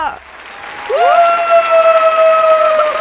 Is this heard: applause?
yes